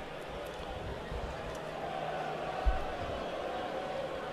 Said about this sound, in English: The crowd in the upper right field is rowdier than they were last night. They're on the far opposite side of the diamond. Yeah, the upper deck near the right field foul pole.